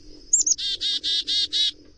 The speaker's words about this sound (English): It's a far cry from the dee-dee-dee of a chickadee, but both voices carry on the legacy of ancestors that lived long, long ago.